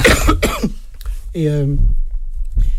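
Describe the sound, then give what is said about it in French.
A man coughs several times, harsh bursts followed by a short voiced throat-clearing grunt and another faint cough at the end. “Attends, je vais tousser, excuse-moi.”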